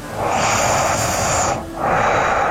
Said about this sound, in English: That's all nose. Some heavy nose breathing. Yeah, it's all nasal passage.